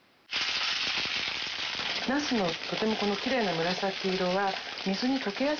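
A loud, steady sizzle of thin round eggplant slices, about 5 mm thick, frying lightly skin side down in 2 tablespoons of oil in a pan over medium heat starts abruptly and crackles throughout, with a person talking over it during the second half.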